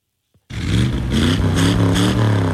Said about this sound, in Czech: Na 250 vozů s burácejícími motory dnes ozdobilo zámecký park v Pacově. Sešli se tam majitelé a fanoušci klasických amerických automobilů a veteránů.